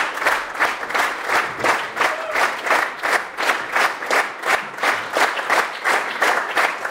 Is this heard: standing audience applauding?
yes